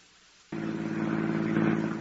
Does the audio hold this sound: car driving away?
yes